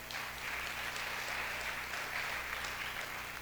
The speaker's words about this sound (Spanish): Dele un fuerte aplauso a usted mismo.